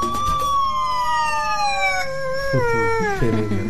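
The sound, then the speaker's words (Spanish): A police motorcycle siren wails loud in a long, slowly falling tone, while a small dog beside the uniformed officer on the motorcycle barks along to the siren's rhythm with a few short barks and howls toward the end. “el perrito se ubica junto al uniformado que está en la moto y comienza a ladrar al ritmo de la sirena, reaccionando de manera inmediata al sonido del vehículo durante el recorrido.”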